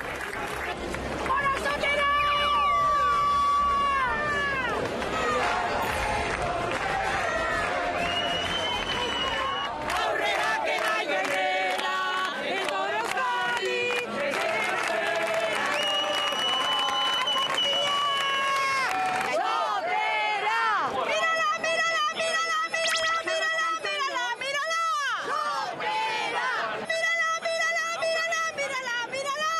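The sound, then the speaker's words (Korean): A large crowd on La Concha beach roars and cheers steadily at a traditional race as village teams prepare to start, many overlapping voices shouting and whooping in a loud, continuous swell that rises and falls throughout. “경기가 펼쳐진 라콘차 해변은 이미 인산인해를 이루고 있었는데요.”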